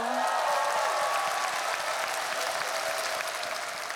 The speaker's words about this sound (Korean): 우리 안산 시립 국악단에게 박수 한번 주세요.